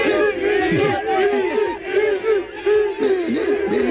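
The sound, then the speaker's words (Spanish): A loud crowd of Real Madrid fans at the Bernabéu cheers and chants in an ovation for Vinicius as he leaves in his car, many voices overlapping in sustained, rising and falling calls with no break for the whole stretch. “Es verdad que a pesar de todo este incidente, de todo este lío, de toda esta tangana que se montó, los aficionados madridistas ovacionaron a Vinicius cuando abandonaba el Bernabéu en su coche.”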